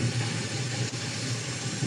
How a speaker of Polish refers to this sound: Mamy deszcz. Nawet burza czasami występuje. Się rozpadało. O, jest burza nawet.